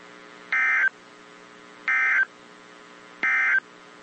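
Emergency Alert System tones from a NOAA Weather Radio test for North Central Kentucky: three short, harsh electronic bursts, each under half a second, repeating at an even pace with brief gaps over a faint background hiss.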